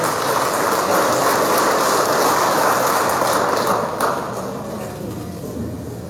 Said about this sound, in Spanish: Recibimos con un fuerte aplauso al ingeniero Glover García Carvalho. Fuerte aplauso, por favor.